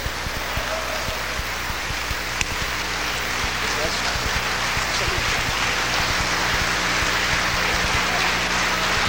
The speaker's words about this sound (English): continue to allow your applause to be heard all over the sanctuary.